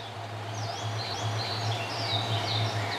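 Several birds chirp and twitter in a valley wetland, high thin calls overlapping steadily against a low, constant hum of outdoor ambience.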